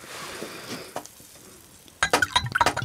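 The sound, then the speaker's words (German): Apple-cherry juice pours into a glass, half a glass, with a soft, steady trickle, then a quick run of bright glassy clinks and taps follows; no one speaks. “Schenkst du mir auch ein halbes Glas ein?”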